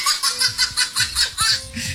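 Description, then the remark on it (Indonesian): A Papuan baby laughs in a quick run of bright, rhythmic giggling bursts, fairly loud, with no talking over it. “Dengarlah suara bayi Papua.”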